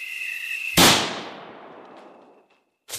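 A single loud shotgun blast, fired at night at a male owl, cracks out and rolls away in a long, fading rumble. A steady high insect trill comes before it, and another sharp burst begins right at the end.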